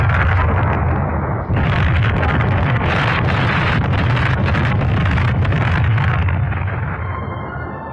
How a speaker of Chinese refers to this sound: 就从这儿开始，村庄里就雷声隆隆，此伏彼起，连绵不断。不管是在屋里屋外、房上房下，还是在墙头井边、鸡窝猪圈，哪儿都是爆炸的地雷，到处都成了敌人的坟场。